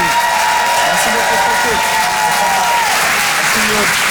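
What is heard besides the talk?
audience applause and cheering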